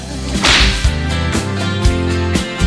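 A whip whooshes through the air, then cracks sharply four times at a steady, evenly spaced rhythm, loud, over a sustained low musical backing.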